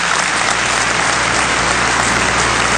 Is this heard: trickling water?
no